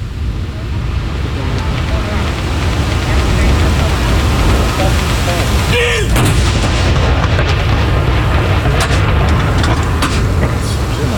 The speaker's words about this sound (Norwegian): Altså 21 skudd I alt som skal avfyres. Og så det da som vanlig ved sørgesalutt, så det 30 sekunders pause mellom hver avføring. Det følges nøye med på klokka her, ser jeg foran de som står foran meg her. Kanon!